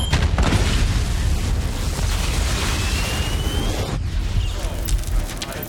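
A loud explosion of a hex crystal, set off by the sound frequency of a sonic detonator, rumbles and roars continuously for several seconds, with deep booming low end and crackling debris. A brief dip comes near the end before the blast noise surges again.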